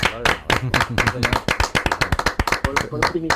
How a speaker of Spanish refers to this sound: Te vamos a dar una ovación ahora, justo claro, en este momento, sí.